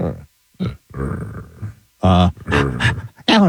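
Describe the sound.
Human voices imitate a puppy, with breathy panting growls followed by a run of loud, short yelping barks coming in quick uneven bursts.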